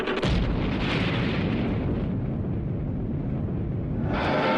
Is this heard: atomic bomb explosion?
yes